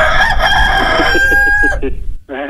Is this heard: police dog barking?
no